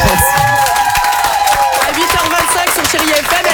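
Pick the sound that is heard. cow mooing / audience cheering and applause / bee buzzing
audience cheering and applause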